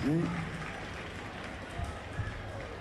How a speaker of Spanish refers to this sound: Che, fuertes los aplausos y un agradecimiento muy especial por estar transmitiendo aquí en vivo esta peña hermosa. A la gente de Cadena 3, fuertes los aplausos, por favor.